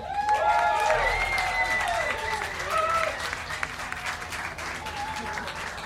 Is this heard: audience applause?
yes